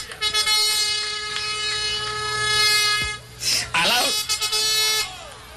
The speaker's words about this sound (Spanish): Cuando Jesucristo vuelva, dice que viene al son de trompeta y motores de instrumentos sonando y él bajando. Por eso yo traje a ese muchachito para que de vez en cuando nos dé un trompetazo.